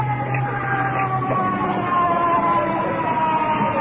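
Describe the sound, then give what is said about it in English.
An arriving ambulance carrying an iron lung sounds its siren, wailing loudly and steadily, its tones sliding up and down over a low rumble of engine noise, with no voices. “Ambulance with iron lung.”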